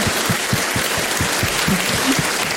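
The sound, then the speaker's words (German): Sustained audience applause fills the space, a dense wash of many hands clapping at once, loud and steady throughout with no voices standing out. “das ist dein Applaus”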